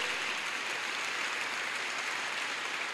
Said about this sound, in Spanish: Amén, denle un aplauso a la promesa de Dios.